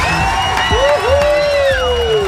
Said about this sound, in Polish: Uwaga, tu stoi tłum ludzi z tyłu. Patrz, posłuchaj, jak oni wiwatują na twoją cześć.